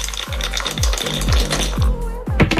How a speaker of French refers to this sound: Vous nous dites top départ pour lancer les dés? Top départ.